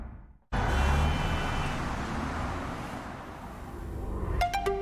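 A combustion-engine car suddenly roars to life and keeps up a loud, steady growl as the car accelerates, with a few sharp high-pitched tones near the end.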